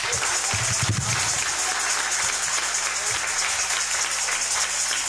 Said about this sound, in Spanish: Queremos agradecer a la familia que recibió y acogió a nuestra patrona, la Virgen del Carmen, para el cual pedimos un fuerte aplauso.